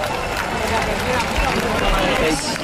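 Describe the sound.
A dense, steady wash of crowd noise fills a live concert recording, loud and muffled, with indistinct voices and any music buried in the low-quality, distorted roar throughout.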